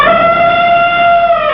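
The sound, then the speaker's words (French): An elephant trumpets in one loud, brassy blast held steadily for over a second, a bright and piercing tone that barely wavers in pitch before cutting off. “Ce sont des éléphants !”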